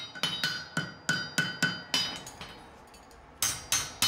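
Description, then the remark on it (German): Sharp, ringing hammer blows strike metal on an anvil in a steady rhythm as a farrier forges a horseshoe, a so-called Zehenrichtung (toe-shaped shoe), about a dozen strikes with a bright metallic ring, pausing briefly before a final few blows. “schmiedet eine sogenannte Zehenrichtung, damit das Pferd ohne Schmerzen laufen kann.”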